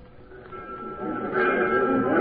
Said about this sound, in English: Troy Blankenship and the criminal Grant stood on the platform of the local railroad station shortly after the afternoon train pulled in.